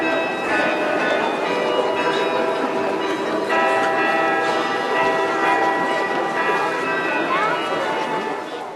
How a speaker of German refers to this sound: Im Wiener Walzertakt zu den Klängen aus dem Roten Turm, die Stadtkarillonneur David Drambian dort auf dem größten Glockenspiel Europas spielte